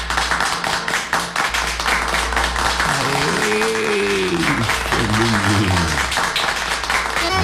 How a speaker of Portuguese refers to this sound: Uns aplausos. Os aplausos pra todos os aniversariantes.